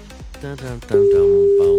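A man talks, then a loud, steady telephone tone cuts in partway through and holds to the end as a line rings, with his voice continuing faintly underneath, as a radio host dials a listener live on air to take a song request.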